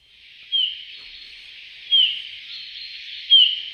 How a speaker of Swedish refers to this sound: Ja, det där är en domherre skulle jag säga. Men jag skulle inte kalla det för sång utan för ett lockläte. Och det var i alla fall lockläte då med långsamt modulerad vissling.